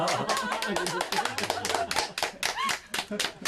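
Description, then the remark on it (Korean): A group of people clap their hands in a steady patter of sharp claps, applauding as they say a freshly baked cheeseless pizza tastes good, with voices talking and chattering underneath. “예, 맛있다고 할 때 박수 치고.”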